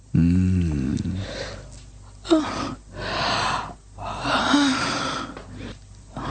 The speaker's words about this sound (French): Elle bâille.